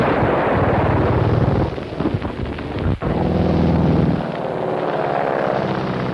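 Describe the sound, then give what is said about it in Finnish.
A loud roar of two dark fighter planes' engines, flying low and heading straight toward the road, fills the whole stretch, broken by rapid bursts of machine-gun fire aimed at a car and a sharp crack near the middle, with no one speaking. “Ne ovat kaksi tummaa hävittäjää.”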